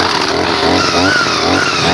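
A petrol brush cutter, pull-started for a test cut at 8 in the morning, runs loud, its buzzy two-stroke drone rising and wavering as it revs up and eases back, with no voices over it.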